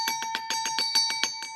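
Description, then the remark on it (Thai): A bell rings loudly and continuously, its clapper striking in a rapid, steady rattle about a dozen times while a sustained metallic tone hangs over the strikes. No voices are heard. “แหมอาจารย์คะเสียงกระดิ่งดังเหลือเกินนะคะอาจารย ์โอ้โหมันกล้องกังวานไปเหลือเกินนะ”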